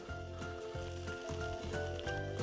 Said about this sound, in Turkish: Peynirimizi iki tarafında kızartıyoruz.